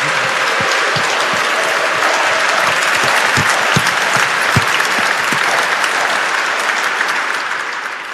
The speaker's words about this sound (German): Also ich glaube, das verdient nochmal einen ganz, ganz kräftigen Applaus.